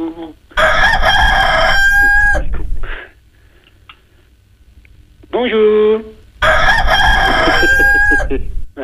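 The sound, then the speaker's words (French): A rooster crows twice, loud, each crow long and drawn out, with a shorter strained call in the quiet gap between them. “Ah ben ça cocoricote tout le temps.”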